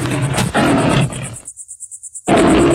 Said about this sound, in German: Da kam plötzlich ein junger, starker Löwe, brüllend auf ihn zu.